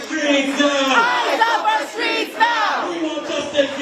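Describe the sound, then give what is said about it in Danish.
A protest crowd in New York, USA, shouts and chants together against ICE agents having shot and wounded a man while he sat in his car. Many overlapping voices form a loud, steady roar with rising and falling cries throughout. “Det har skabt protester i New York i USA, at ICE-agenter sent i aftes dansk tid skød og sårede en mand, mens han sad i sin bil.”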